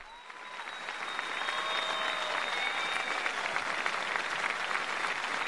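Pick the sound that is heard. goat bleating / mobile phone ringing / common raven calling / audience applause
audience applause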